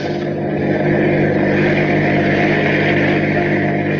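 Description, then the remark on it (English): A steady, droning car engine runs continuously at a constant pitch, loud, with a low rumbling hum and no breaks, as the car follows a truck along the road in the radio drama Bulldog Drummond. “Keep on the tail of that truck.”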